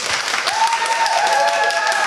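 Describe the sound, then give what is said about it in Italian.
The live audience of the Night Express show applauds for real, a dense, even patter of clapping for about two seconds, with a thin sustained whistle-like tone rising above it midway. “Adesso applaudite davvero.”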